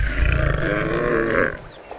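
A large lion with a golden coat and mane, lying resting in the shade of a tree, yawns with one long, deep, rumbling groan, loud, that holds steady for about a second and a half before trailing off into quiet.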